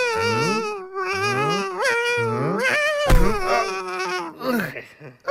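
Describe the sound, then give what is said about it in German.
A sea monster screams in long, eerie wails whose pitch slides up and down, several cries overlapping without pause, with a harsh burst midway and a loud, steady level throughout. “Da schreit doch einer. Ja, genau. Ein Seeungeheuer.”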